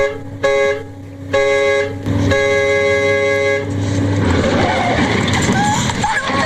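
A car horn blares in three loud blasts, the last one long and sustained, then a harsh burst of crashing, scraping noise follows: a traffic collision caused by a vehicle failing to yield the right of way.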